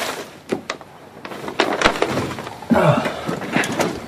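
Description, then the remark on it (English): Stacks of paper get shoved off a chair onto the floor in a messy doctor's office, rustling and sliding with a few soft thumps and one longer scraping swish as they drop. No one speaks. “The doctor's office is a mess, with piles of paper everywhere. Jenna clears a chair.”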